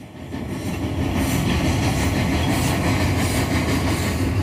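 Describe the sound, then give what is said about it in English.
A train rolls steadily along railroad tracks in the bush near Gogama, Ontario: a loud, continuous rumble with a faint rhythmic clatter of wheels, filling the whole recording with no voices. “There's railroad tracks, and There's a short railroad track just for the school cart.”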